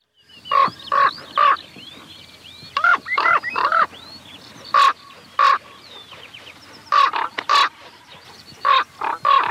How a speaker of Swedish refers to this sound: Ja, här flyger korpen och låter höra sitt läte hes som en korp, säger man, och det tycker jag är lite orättvist, för det är ju ett ganska klangfullt läte egentligen. Ja, det är rena fina toner bitvis i det här.